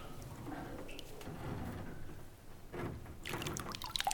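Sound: small waves lapping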